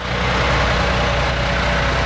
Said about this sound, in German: Ein paar Wartehäuschen, ein paar Halteschilder, Menschen, die einsteigen in den Bus. Das ist der zentrale Omnibusbahnhof in Sulingen.